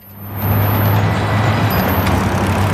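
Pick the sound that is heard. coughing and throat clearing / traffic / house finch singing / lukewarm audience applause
traffic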